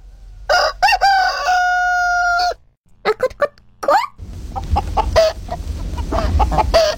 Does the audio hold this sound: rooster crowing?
yes